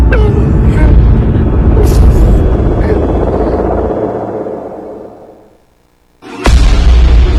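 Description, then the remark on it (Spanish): Heavy, rumbling blast noise from a bombing attack rolls and slowly fades to near silence, then a sudden sharp explosion bursts in loudly with deep booming low end; the explosions make a house shake. “Nos empezaron a bombardear y me espanté. La casa temblaba por las explosiones.”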